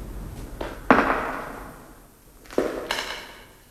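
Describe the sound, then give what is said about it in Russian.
Four footsteps land in two pairs, each a sharp knock with a ringing decay in a hollow, echoing space. They are moderately loud and there is no talking. “Это не эхо. Чьи-то шаги.”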